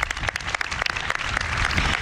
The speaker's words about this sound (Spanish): Gracias por cerrar este festival que estamos celebrando el 50 cumpleaños del País. Un aplauso, por favor.